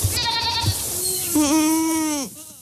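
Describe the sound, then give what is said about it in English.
Goats bleat, one short wavering cry followed by a longer, louder quavering bleat that trails off, with soft rustling and outdoor background noise and no talking. Craig Madsen's goats are eating snowberry bushes, hawthorn and Oregon grape to clear brush on a rocky slope near Spokane, Washington, on a late July morning. “On a late July morning on a rocky slope near Spokane, Washington, Craig Madsen is watching his goats attack snowberry bushes, hawthorn, and Oregon grape.”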